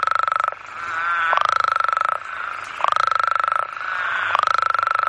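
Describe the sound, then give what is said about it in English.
A loud, dense chorus of male toads calling at a breeding pond: rapid pulsing trills overlap and swell in repeating bursts every second or so, filling the whole stretch with raucous, continuous noise and no voices. “So it's very, very noisy, and just the water is just full of frogs calling.”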